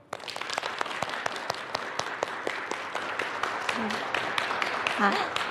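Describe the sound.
An audience applauds with dense, steady clapping that holds at an even level for about five seconds, fairly close, with a faint voice briefly surfacing underneath near the end.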